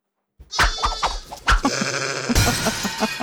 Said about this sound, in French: Alors, j'étais parti sur un chat, mais pourquoi il y a une vache dans l'histoire ? C'est un mouton.